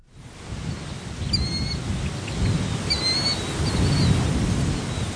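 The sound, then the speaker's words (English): A few bird calls and chirps ring out over a steady, rumbling outdoor background in a marshy area on the north side of Lincoln, Nebraska, on a hot, muggy morning, with a faint wash of other bird and insect calls and no one speaking. “It's a hot, muggy morning in a marshy area on the north side of town where a chorus of birds and bugs greets some human visitors.”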